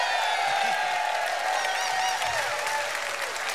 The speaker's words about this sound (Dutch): Mag ik nog een groot applaus voor...